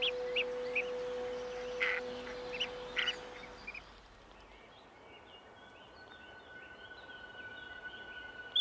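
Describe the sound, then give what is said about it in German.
Unhatched common merganser chicks peep from inside their eggs in an old willow on the banks of the Kamp river in the Waldviertel, siblings calling to synchronise hatching: short, high, thin calls repeated irregularly, then fading to fainter chirps over a steady low rushing background. “Eine neue Generation von Gänsesägern ist bereit zu schlüpfen. Die Geschwister stehen schon seit einiger Zeit miteinander in Rufkontakt.”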